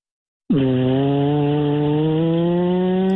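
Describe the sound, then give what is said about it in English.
A voice imitates an airplane taking off: after a brief silence, a loud, steady droning hum starts with a quick dip in pitch, then holds one low buzzing tone for about three seconds. “Airplane taking off.”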